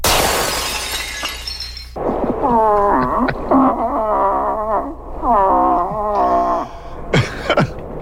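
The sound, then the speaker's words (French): A moose call blown through a birch-bark horn: a rough, noisy burst opens, then several long, wavering nasal moans with bending pitch follow, ending in a short sharp rising note. “Les démonstrations d'appel qui suivent sont exécutées à l'aide du cornet d'écorce.”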